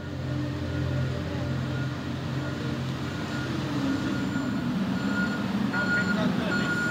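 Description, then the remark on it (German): Vehicles rumble steadily while the cargo ferry Finn Echo 2, almost 240 metres long, is loaded through the night at Vuosaari port in Helsinki, Finland, with repeated reversing beeps sounding over the low engine drone; faint voices mix into the continuous mechanical din. “Die ganze Nacht lang wird diese Frachtfähre beladen, die Finn Echo 2.”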